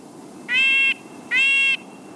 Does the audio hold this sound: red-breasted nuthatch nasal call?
yes